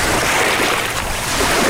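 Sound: boat on water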